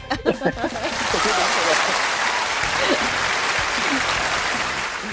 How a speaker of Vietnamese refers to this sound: một tràng pháo tay thật lớn đi ạ.